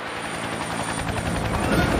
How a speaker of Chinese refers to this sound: 5架19武装侦察直升机组成了侦察警戒分队，9架10武装直升机组成火力突击分队，3架19武装直升机，6架20战术通用直升机，9架18B 运输直升机混编为运输分队，8架19武装直升机担任护卫任务，其中20战术通用直升机是首次亮相。